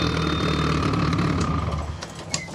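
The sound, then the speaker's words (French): A car engine with exhausts mounted on the hood runs steadily with a loud, throaty exhaust rumble and a low harmonic drone, the revs briefly shifting near the end. “Non, effectivement, les échappements sur le capot, ça fait un peu de bruit.”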